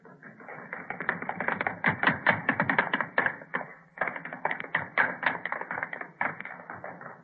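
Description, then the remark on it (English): Three people's rapid running footsteps, performed on cue as studio sound effects, clatter across a hard wooden studio floor and up stair steps, a dense, steady drumming of taps that breaks briefly before they run back down. “I want running footsteps, all three of you. Across the studio floor, up the stair steps. You stop and run back down.”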